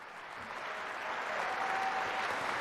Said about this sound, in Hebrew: קהל אוהב אותו מאוד, אפשר לשמוע את קריאות הבראבו.